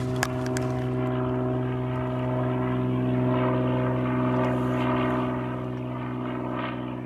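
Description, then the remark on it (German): A low-flying propeller plane drones loudly and steadily over a beach at a seabird breeding and resting area, its engine hum swelling slightly midway before easing off a little, with no voices present. “wir schreiben einmal auf, wo der Flieger ungefähr lang fliegt”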